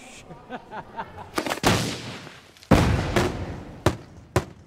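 fireworks and firecrackers exploding

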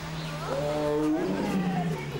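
tiger roaring

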